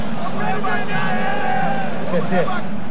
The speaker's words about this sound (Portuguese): Aí a torcida do Internacional, faceira com resultado parcial aqui na arena, fazendo festa. Olha a torcida do Inter. Som da massa colorada.